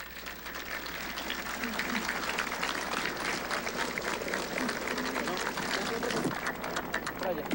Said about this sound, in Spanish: Un aplauso.